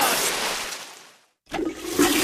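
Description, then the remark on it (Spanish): A toilet flushes with a loud, broad rush of water, cuts off abruptly into a brief silence, then a second surge of gurgling, refilling water follows, with no one speaking. “¿Lo has oído? Es el sonido del alivio, el momento en que todo vuelve a la normalidad.”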